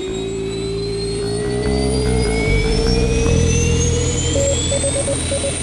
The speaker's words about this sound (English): Ignition sequence start. 6, 5, 4, 3, 2, 1, 0. All engine running.